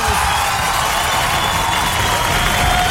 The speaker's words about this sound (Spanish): y el aplauso otra vez.